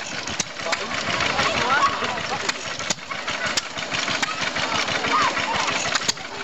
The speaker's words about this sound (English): Gotta stop at the steam engines, as I do every year. Let's get a bit of this sound.